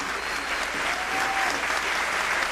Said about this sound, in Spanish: Dale un aplauso bien fuerte al Señor.